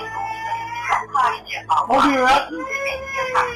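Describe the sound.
A voice imitates a little girl crying, with several short whimpering, sobbing wails rising and falling over about three seconds.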